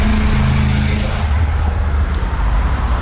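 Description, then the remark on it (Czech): A car engine rumbles loudly, its low droning tone steady for about a second before giving way to broad road noise as vehicles move through a car park at a former bus station. “Říká mi Aleš na bývalém autobusovém nádraží. To teď slouží jako parkoviště.”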